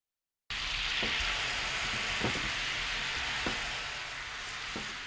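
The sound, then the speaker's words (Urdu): Soy sauce mixed with sugar and water sizzles in a frying pan over medium heat as it thickens, a steady, bright hiss that begins after a brief silence, broken by a few soft pops and crackles. No one speaks. “اب frying pan کو درمیانی آنچ پر رکھ کر سوس کو گاڑا کر لیجیے.”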